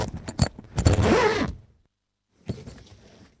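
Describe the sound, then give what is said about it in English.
A zipper on a bag is yanked in short, jerky tugs, then one long rasping pull, followed by a pause and a quieter, drawn-out final zip, with no talking. “Oh, dashed zip. That's why I leave it open.”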